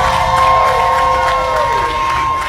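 A crowd cheers loudly with applause and whoops, a dense, sustained roar of many voices, with a few higher shouts and a sung-like tone sliding across it.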